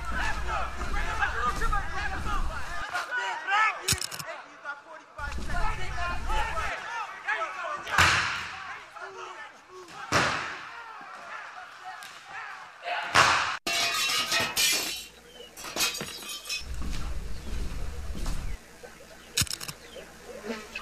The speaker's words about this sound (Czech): jsme u restaurace, bojíme se dovnitř, nějaká strašná rvačka, je nás tady hrozně málo, žádám o posily.